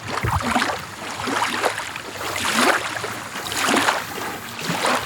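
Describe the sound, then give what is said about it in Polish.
Water of Lake Necko in Augustów laps and swishes steadily, with soft rushing surges swelling every second or so, fairly loud, with no voices present. “Niech tak pięknie nam tutaj poszumi ta woda i jezioro Necko.”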